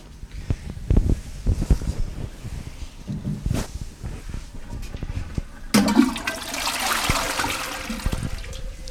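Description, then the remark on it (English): A toilet flushes as something is flushed away: some clunks and handling noises first, then a loud rushing swirl of water that builds and keeps gushing to the end. “But today, I'm flushing it.”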